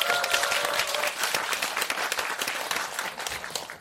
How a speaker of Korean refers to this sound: 큰 박수를 맞아주십시오.